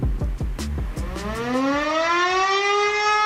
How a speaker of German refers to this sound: So, jetzt kommt erstmal zum Vergleich dieser normale Alarm, wenn es irgendwo brennt oder wenn die Samstag das testen. So, jeden Samstag das testen.